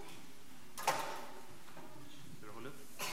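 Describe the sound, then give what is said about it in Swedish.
A treasure chest lid is opened by children at a Sunday school gathering: a sharp clunk followed by a soft scrape of the lid moving, then a faint brief rustle near the end, with quiet murmuring in the background. “Så ska vi se vad som finns i skattkistan idag då.”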